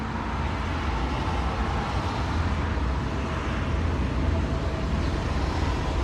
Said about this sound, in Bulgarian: Звук трамвая в завою.